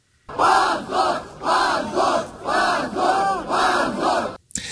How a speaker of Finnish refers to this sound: Oikeustalon ulkopuolelle kokoontui 100 nuorten Jablakan kannattajaa, jotka huusivat hävetkää huutoja oikeuden päätöksen antamisen jälkeen.